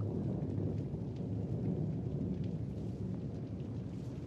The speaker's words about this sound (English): The next night, I was walking in the meadows near my father's house. A storm was approaching. I was almost unaware of it.